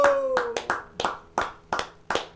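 Scattered studio applause: about eight sharp, crisp hand claps in an uneven rhythm, with a brief fading tone under the first few claps and no voices.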